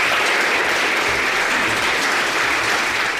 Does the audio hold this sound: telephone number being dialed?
no